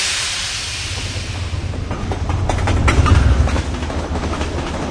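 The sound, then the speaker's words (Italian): A train, the one linking Palermo and Milan, rolls along the rails with a steady low rumble and rhythmic clicking wheels, growing slightly louder midway, while an early airy hiss fades out; no voices. “Dal nome del treno che collega Palermo a Milano e che, guarda i casi della storia, è quasi gemello di Pietro.”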